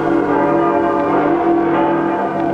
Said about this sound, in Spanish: Las campanas lanzan festivas sus voces de aleluya.